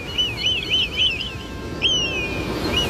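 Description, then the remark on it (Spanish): A high, thin call of Kiki the eagle: a quick wavering whistle repeated in a warbling series, then a sharp down-slurred cry, over a low rumbling background. “Tenemos a Kiki. Los piratas no tienen águilas, tienen loros. Kiki no necesita hablar para ser genial, ¿verdad, Kiki?”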